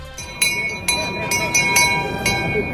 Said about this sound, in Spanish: Es la campana de los niños carrancanos abriendo el cortejo de la procesión del Corpus.